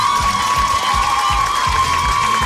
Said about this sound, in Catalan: Per tant, un altre aplaudiment per a aquestes concursants, sisplau.